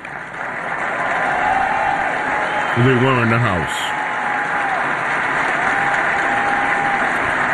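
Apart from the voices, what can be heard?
audience applause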